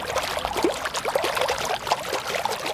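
Water laps and splashes gently in an empty swimming pool directly in front of the Volksbühne theatre in Berlin, half an hour before it opens, with its water pump running; a steady patter of small ripples and trickles with no voices, continuous and fairly quiet throughout.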